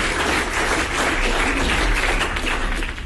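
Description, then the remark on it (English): A crowd applauds steadily, many hands clapping in a dense, continuous wash of noise that holds at an even loudness for about three seconds with no voices over it. “So now I'll take that applause, please.”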